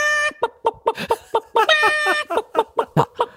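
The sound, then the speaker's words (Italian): A listener's voice message imitating a hen cackling after laying an egg: a rapid series of about a dozen short, pitched clucks, with a longer strained squawk partway through, loud and voiced with no talk. “Questa è la gallina che ha fatto l'uovo.”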